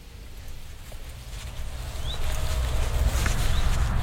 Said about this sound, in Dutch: Hoor je dat? Daar? Die alarm roep, vuut, tik, vuut, tik. Ja. Dat zijn die alarmerende ouders bij het nest van die roodstaartjes. Dit zijn de gekraagde roodstaartjes. Dit is het alarm van de gekraagde roodstaart.